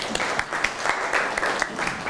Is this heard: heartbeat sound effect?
no